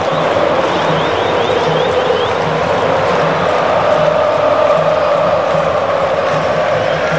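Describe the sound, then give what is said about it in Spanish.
A huge stadium crowd of Brazilian football fans chants and sings together in a loud, steady roar during a match. Voices blend into sustained tones without a break from start to finish. “Escuche, escuche a la afición brasileña.”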